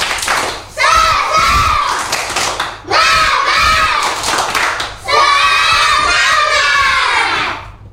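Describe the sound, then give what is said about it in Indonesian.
A group of children chant and shout loudly together in three energetic bursts, with rhythmic clapping and thumping mixed in beneath their voices, doing a 'tepuk semangat' spirit clap at the end of a lesson about Tanjung Pinang culture. “Coba tepuk semangat.”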